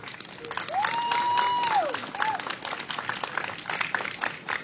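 A crowd applauds steadily, with dense clapping filling the whole clip at a fairly even level, while a clear whistle rises and holds for about a second and a short second whistle follows.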